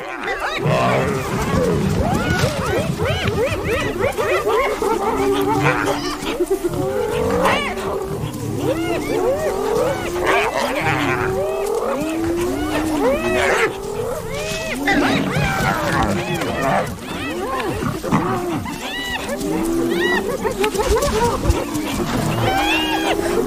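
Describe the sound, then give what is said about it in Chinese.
African wild dogs confront a lion, trying to drive it away from its kill: a loud, continuous melee of overlapping high twittering and yelping calls, mixed with low growls and roaring snarls throughout. “我还从来没见过斑猎狗把一只狮子从猎物旁边赶走。”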